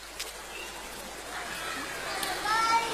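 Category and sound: crowd, children splashing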